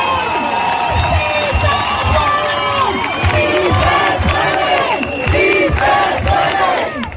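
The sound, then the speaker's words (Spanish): A large demonstration crowd in the city centre, at the steps of the Seta (Setas de la Encarnación), cheers and chants loudly and continuously in celebration, many voices shouting together over a steady, rhythmic pulse that keeps time with the chant. “la masiva manifestación en el centro de la ciudad que terminaba en las escalinatas de la Seta”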